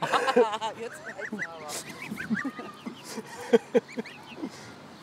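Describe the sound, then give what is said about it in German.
Several geese honk and gabble in overlapping bursts, with a few sharp, louder honks standing out toward the end amid general farmyard chatter. “Ob der Gänsefrieden wohl hält?”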